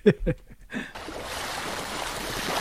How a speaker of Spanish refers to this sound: Olas. Muy bien, correcto. Olas, el mar, sí, muy bien.